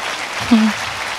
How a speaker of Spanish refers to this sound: Si ese aplauso es para el Señor, dáselo mejor.